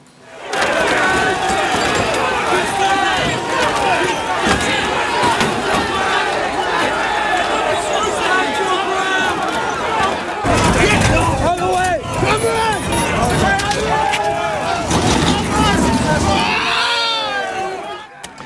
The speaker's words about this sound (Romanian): Imaginile momentului vin din Marea Britanie. Sute de protestatari s-au ciocnit cu forțele de ordine după o intervenție eșuată într-un caz de crimă.